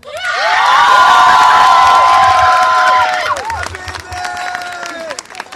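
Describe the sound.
A crowd at a strike demonstration erupts in loud cheering and whooping with scattered clapping, voices rising in high shouts for about three seconds before fading into a quieter, more scattered murmur of calls; the applause thanks the strike leadership and strike committee.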